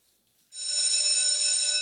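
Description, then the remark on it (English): A school bell at a school in Belgium starts abruptly after a brief silence and rings loud and continuous, a bright, steady metallic clangour that holds without pause, with no voices present. “At the sound of the bell, phones must go into bags.”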